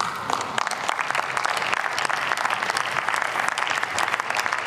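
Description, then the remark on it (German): Sustained applause from many people in parliament fills the whole stretch, a dense, even patter of clapping at steady loudness with no voices standing out. “Applaus”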